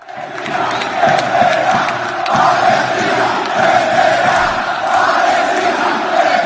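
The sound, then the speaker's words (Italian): A large stadium crowd of Rayo Vallecano football fans in Spain chants together in a loud, sustained roar of "Palestine will win", celebrating a home semifinal win over Strasbourg, with a Palestinian flag spread on the pitch. Voices rise and fall in a steady rhythmic pattern that fills the whole space without pause. “Al termine della semifinale casalinga contro lo Strasburgo, i tifosi del Rayo Vallecano, i Bucaneros, hanno scelto di festeggiare la vittoria con una bandiera palestinese stesa sul prato e con un coro che ha ripetuto «Palestina vincerà».”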